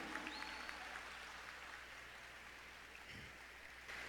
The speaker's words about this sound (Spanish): Aplauso más fuerte a la Madre del Cielo, a la dulce Virgen María.